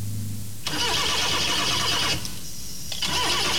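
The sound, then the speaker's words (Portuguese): An engine cranks and sputters without catching, stops, then a second cranking attempt begins, loud, with a low idle-like hum before the first try. “Quando um motor trava, você procura o problema.”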